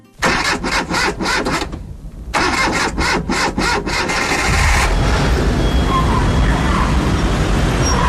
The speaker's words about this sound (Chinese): 如果说城南旧事里的声音是胡同的呼吸，那有话好好说里的声音就是城市的噪音。 说它是噪音，是因为电影中有很多在街头疾走穿行的镜头，伴随着大量的自行车铃声、汽车鸣笛并压过路面的声音，仔细听呢，还会有公交车的爆站声。